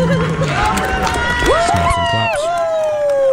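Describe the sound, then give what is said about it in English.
A crowd of attendees cheers loudly, giving a round of applause for themselves, with voices whooping and calling out in rising and falling pitches over a steady wash of clapping that continues throughout. “A lot of people, give a round of applause for yourself.”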